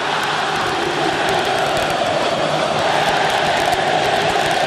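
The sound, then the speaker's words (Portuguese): A huge stadium crowd of Remo football supporters roars and chants in unison, answering the Palmeiras supporters, a dense, continuous wall of massed voices that stays loud and steady throughout, with no single voice standing out. “Vamos ouvir o Remo agora, a torcida do Remo respondendo a torcida do Palmeiras.”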